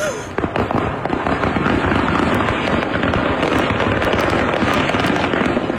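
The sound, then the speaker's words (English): Fireworks go off over the I-75 interstate highway in a loud, nonstop barrage, dense rapid crackles and pops layered over a steady rumbling roar, with no pause for the whole stretch. Filmed by a driver who got out of his car. “Wow, it's a fireworks show.”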